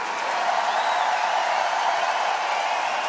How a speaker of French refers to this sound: Un tonnerre d'applaudissements pour vous. Et un triple tonnerre d'applaudissements pour mademoiselle.